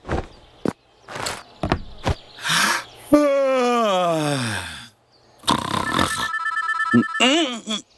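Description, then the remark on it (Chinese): A few thumping footsteps and a long descending groan give way to an electronic telephone ringtone at home, a bright warbling melody that rings loud at the end. “谁啊？这时候还打电话，烦人。”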